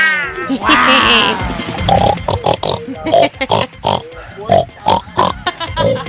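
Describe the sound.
A person imitates a pig, opening with a drawn-out squeal and following with a rapid run of short, nasal oinks and grunts.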